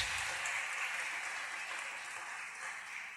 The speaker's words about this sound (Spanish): Aplaudan al Señor, hermanos.